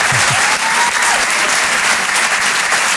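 Steady, loud applause from a crowd fills the whole stretch, a dense wash of many hands clapping at once without pause, with a few faint vocal sounds buried underneath.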